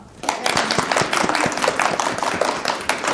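A group of people clapping steadily after a child is announced as the performer of Su Shi in a children's play, a dense patter of overlapping claps that starts abruptly and holds at an even, fairly loud level for about three seconds.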